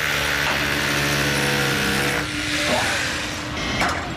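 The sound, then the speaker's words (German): Steady mechanical drone of heavy machinery with a tonal engine hum, loud, joined by scraping and clanking bursts partway through, from work on an MR Bau construction site in Niederlangen, Germany. “Ich darf nämlich mal auf einer Baustelle sein.”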